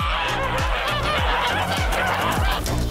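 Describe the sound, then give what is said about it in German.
A flock of geese honks continuously, many overlapping nasal calls forming a dense, steady chorus with no pauses and no speech. “Ich war heute Morgen natürlich sehr froh, dass es sehr kühl war und den Gänsen heute Morgen sehr gut ging.”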